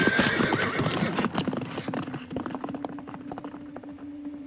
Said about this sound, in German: Ich schleppte mich mit meiner klaffenden Kopfwunde zu meinem Pferd, wuchtete mich unter Anstrengung in den Sattel hoch und ritt davon.